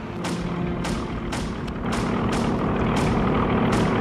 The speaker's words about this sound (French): Oh la vache, les avions américains! Ils descendent tout près!